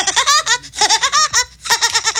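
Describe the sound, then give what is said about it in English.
A voice imitates the laugh of the cartoon woodpecker Woody Woodpecker for a 'Do You Know the Show' sound quiz: three loud bursts of rapid, staccato, high-pitched chattering notes, each rising and falling, with brief pauses between them. “impression of Woody Woodpecker.”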